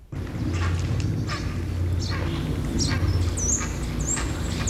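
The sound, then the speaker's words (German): Harsh, repeated bird cries ring out from a tree holding six occupied nests where the birds are brooding, overlapping calls over a steady low rumble of background noise, continuous. “Das sind eigenartige Schreie, die Reihe an sich haben.”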